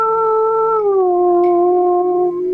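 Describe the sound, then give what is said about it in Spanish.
A dog lets out one long, loud howl, holding a steady tone that sags slightly in pitch partway through before trailing off. No barking or talking is heard. “Y los perros ladrando, y se escuchaba que se oía.”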